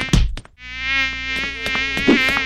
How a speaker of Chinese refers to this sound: 立马帮帮忙，那有人像你，省水省到不洗头，难怪招来那么多苍蝇。